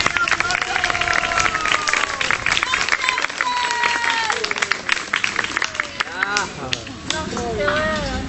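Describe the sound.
A crowd applauds with dense, steady clapping that runs the whole time, mixed with excited voices and cheering calls rising above it.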